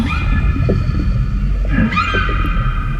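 A humpback whale calls underwater in the Antarctic Ocean, where the water is 2 to 3 degrees Celsius, in long, tonal moans with rising, sweeping pitch, carried over a steady low rumble of water. The calls are fairly loud and continuous, with no talking.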